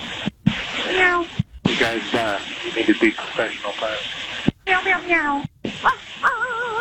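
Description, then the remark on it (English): Over a crackly, band-limited radio channel, several pilots take turns mimicking cat meows and yapping dog barks, with short gaps between transmissions and a final drawn-out, wavering meow. “Guys, you need to be professional pilots. Meow, meow, meow.”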